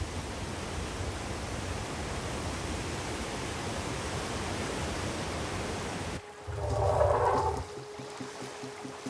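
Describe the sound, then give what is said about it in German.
Victoria Falls roars in a dense, steady rush of white water for about six seconds, then gives way abruptly to a quieter scene with a brief swelling sound. “Die Inseln oberhalb der Wasserfälle sind üppig bewachsen.”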